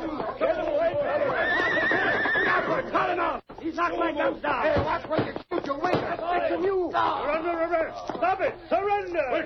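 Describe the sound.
Horses neigh and whinny repeatedly in a loud, chaotic scene from a Lone Ranger radio drama, shrill wavering cries overlapping with shouting voices and the clatter of commotion.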